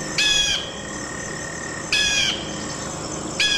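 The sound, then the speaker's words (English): Three bursts of high, thin, chittering bald eagle calls, each about half a second long, spaced roughly a second and a half apart, heard clearly over a soft steady background hiss. “The bald eagle.”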